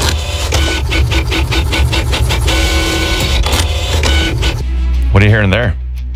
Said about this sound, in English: No, it was a printer.